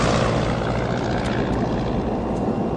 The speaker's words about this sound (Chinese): 飞机机翼快速转动，飞机缓缓上升，直入云霄。